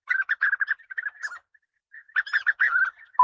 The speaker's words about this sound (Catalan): Abellerol. Merops apiàster. Un dels ocells més acolorits, que viu d'abril a setembre als camps oberts.